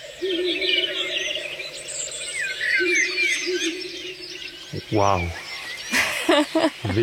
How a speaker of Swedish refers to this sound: Där var en slagugla som ropa. Ja. Ursäkta. Nej, det är helt okej alltså. Precis. Hörde man i bakgrunden.